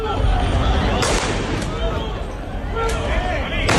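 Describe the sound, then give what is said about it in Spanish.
Police fire rubber-ball warning shots at night at Trampolín beach in Ceuta to disperse people who came after a demonstration: several sharp cracks spaced irregularly over a noisy, murmuring crowd, amid the constant hubbub of voices. “Estos son los disparos disuasorios con pelotas de goma que la policía ha tenido que realizar esta noche para dispersar a algunas personas que han acudido a la playa del Trampolín después de acudir a una manifestación.”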